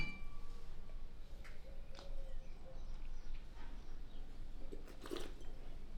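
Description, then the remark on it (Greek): A brief bright clink of glasses of Blanc de Blanc 100% Chardonnay, Vintage 17, in a toast near the end, ringing over a steady, noisy background, with a few fainter clinks earlier. “Εδώ έχουμε ένα Blanc de Blanc 100% Chardonnay. Στην υγειά μας.”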